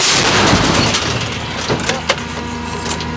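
An artillery gun fired by its crew gives a loud, sharp blast right at the start, its roar fading into a lingering rumble, followed by a couple of smaller knocks and clatters.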